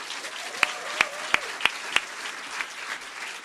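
An audience at a poetry event claps for a poet from Nuremberg in a steady, dense patter, with a handful of sharper, louder claps popping out over the first two seconds before the applause carries on evenly. No one speaks.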